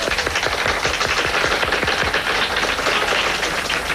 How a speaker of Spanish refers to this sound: Alfonso Tamayo, un fuerte aplauso.